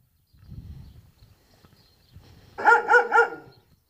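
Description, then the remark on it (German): Three quick, loud barks from dogs, coming in a tight rhythmic burst near the end after a stretch of faint low rumbling and rustling. “Ja, wachsame Hunde.”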